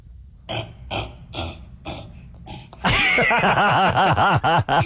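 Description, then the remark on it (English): A person imitates a cassowary: about five rhythmic, breathy huffs, then a loud stretch of low, throaty, warbling calls whose pitch repeatedly swoops up and down. “can you do a cassowary? Do they make a noise?”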